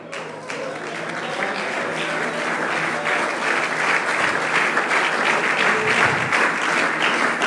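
A church audience applauds steadily during a pastor's sermon, dense clapping that swells slightly and holds at a loud, even level throughout, with no voices standing out above it.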